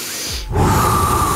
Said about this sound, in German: Tief in den Bauch atmen. Ja. Ich höre dich nicht atmen? Ja, ich atme. Ich atme dir nochmal vor mit.